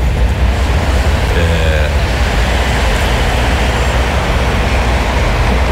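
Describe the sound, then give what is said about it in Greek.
Buses and cars pass by at a departures area in the morning, producing a steady, loud low rumble of traffic noise that holds constant throughout without distinct breaks. “Ακούτε τα λεωφορεία, τα αυτοκίνητα που περνάνε.”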